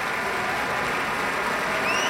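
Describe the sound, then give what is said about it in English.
Steady, dense applause from a concert audience at a broadcast Pacific Symphony concert, for Pablo Sanz-Viegas after his encore of a jota by Francisco Tárrega, a continuous crackle of many hands clapping at an even, fairly loud level with no voices standing out. “More applause for Pablo Sanz-Viegas.”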